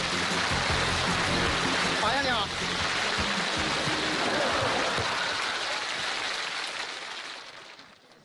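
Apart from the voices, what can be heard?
audience applause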